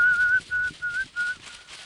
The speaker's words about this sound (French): L'homme siffle.